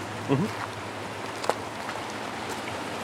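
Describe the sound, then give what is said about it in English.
A single sharp splash of a rock thrown off a bridge hitting water, heard once against a steady wash of flowing water outdoors, with a brief murmur of voice just before it. “that was a big splash.”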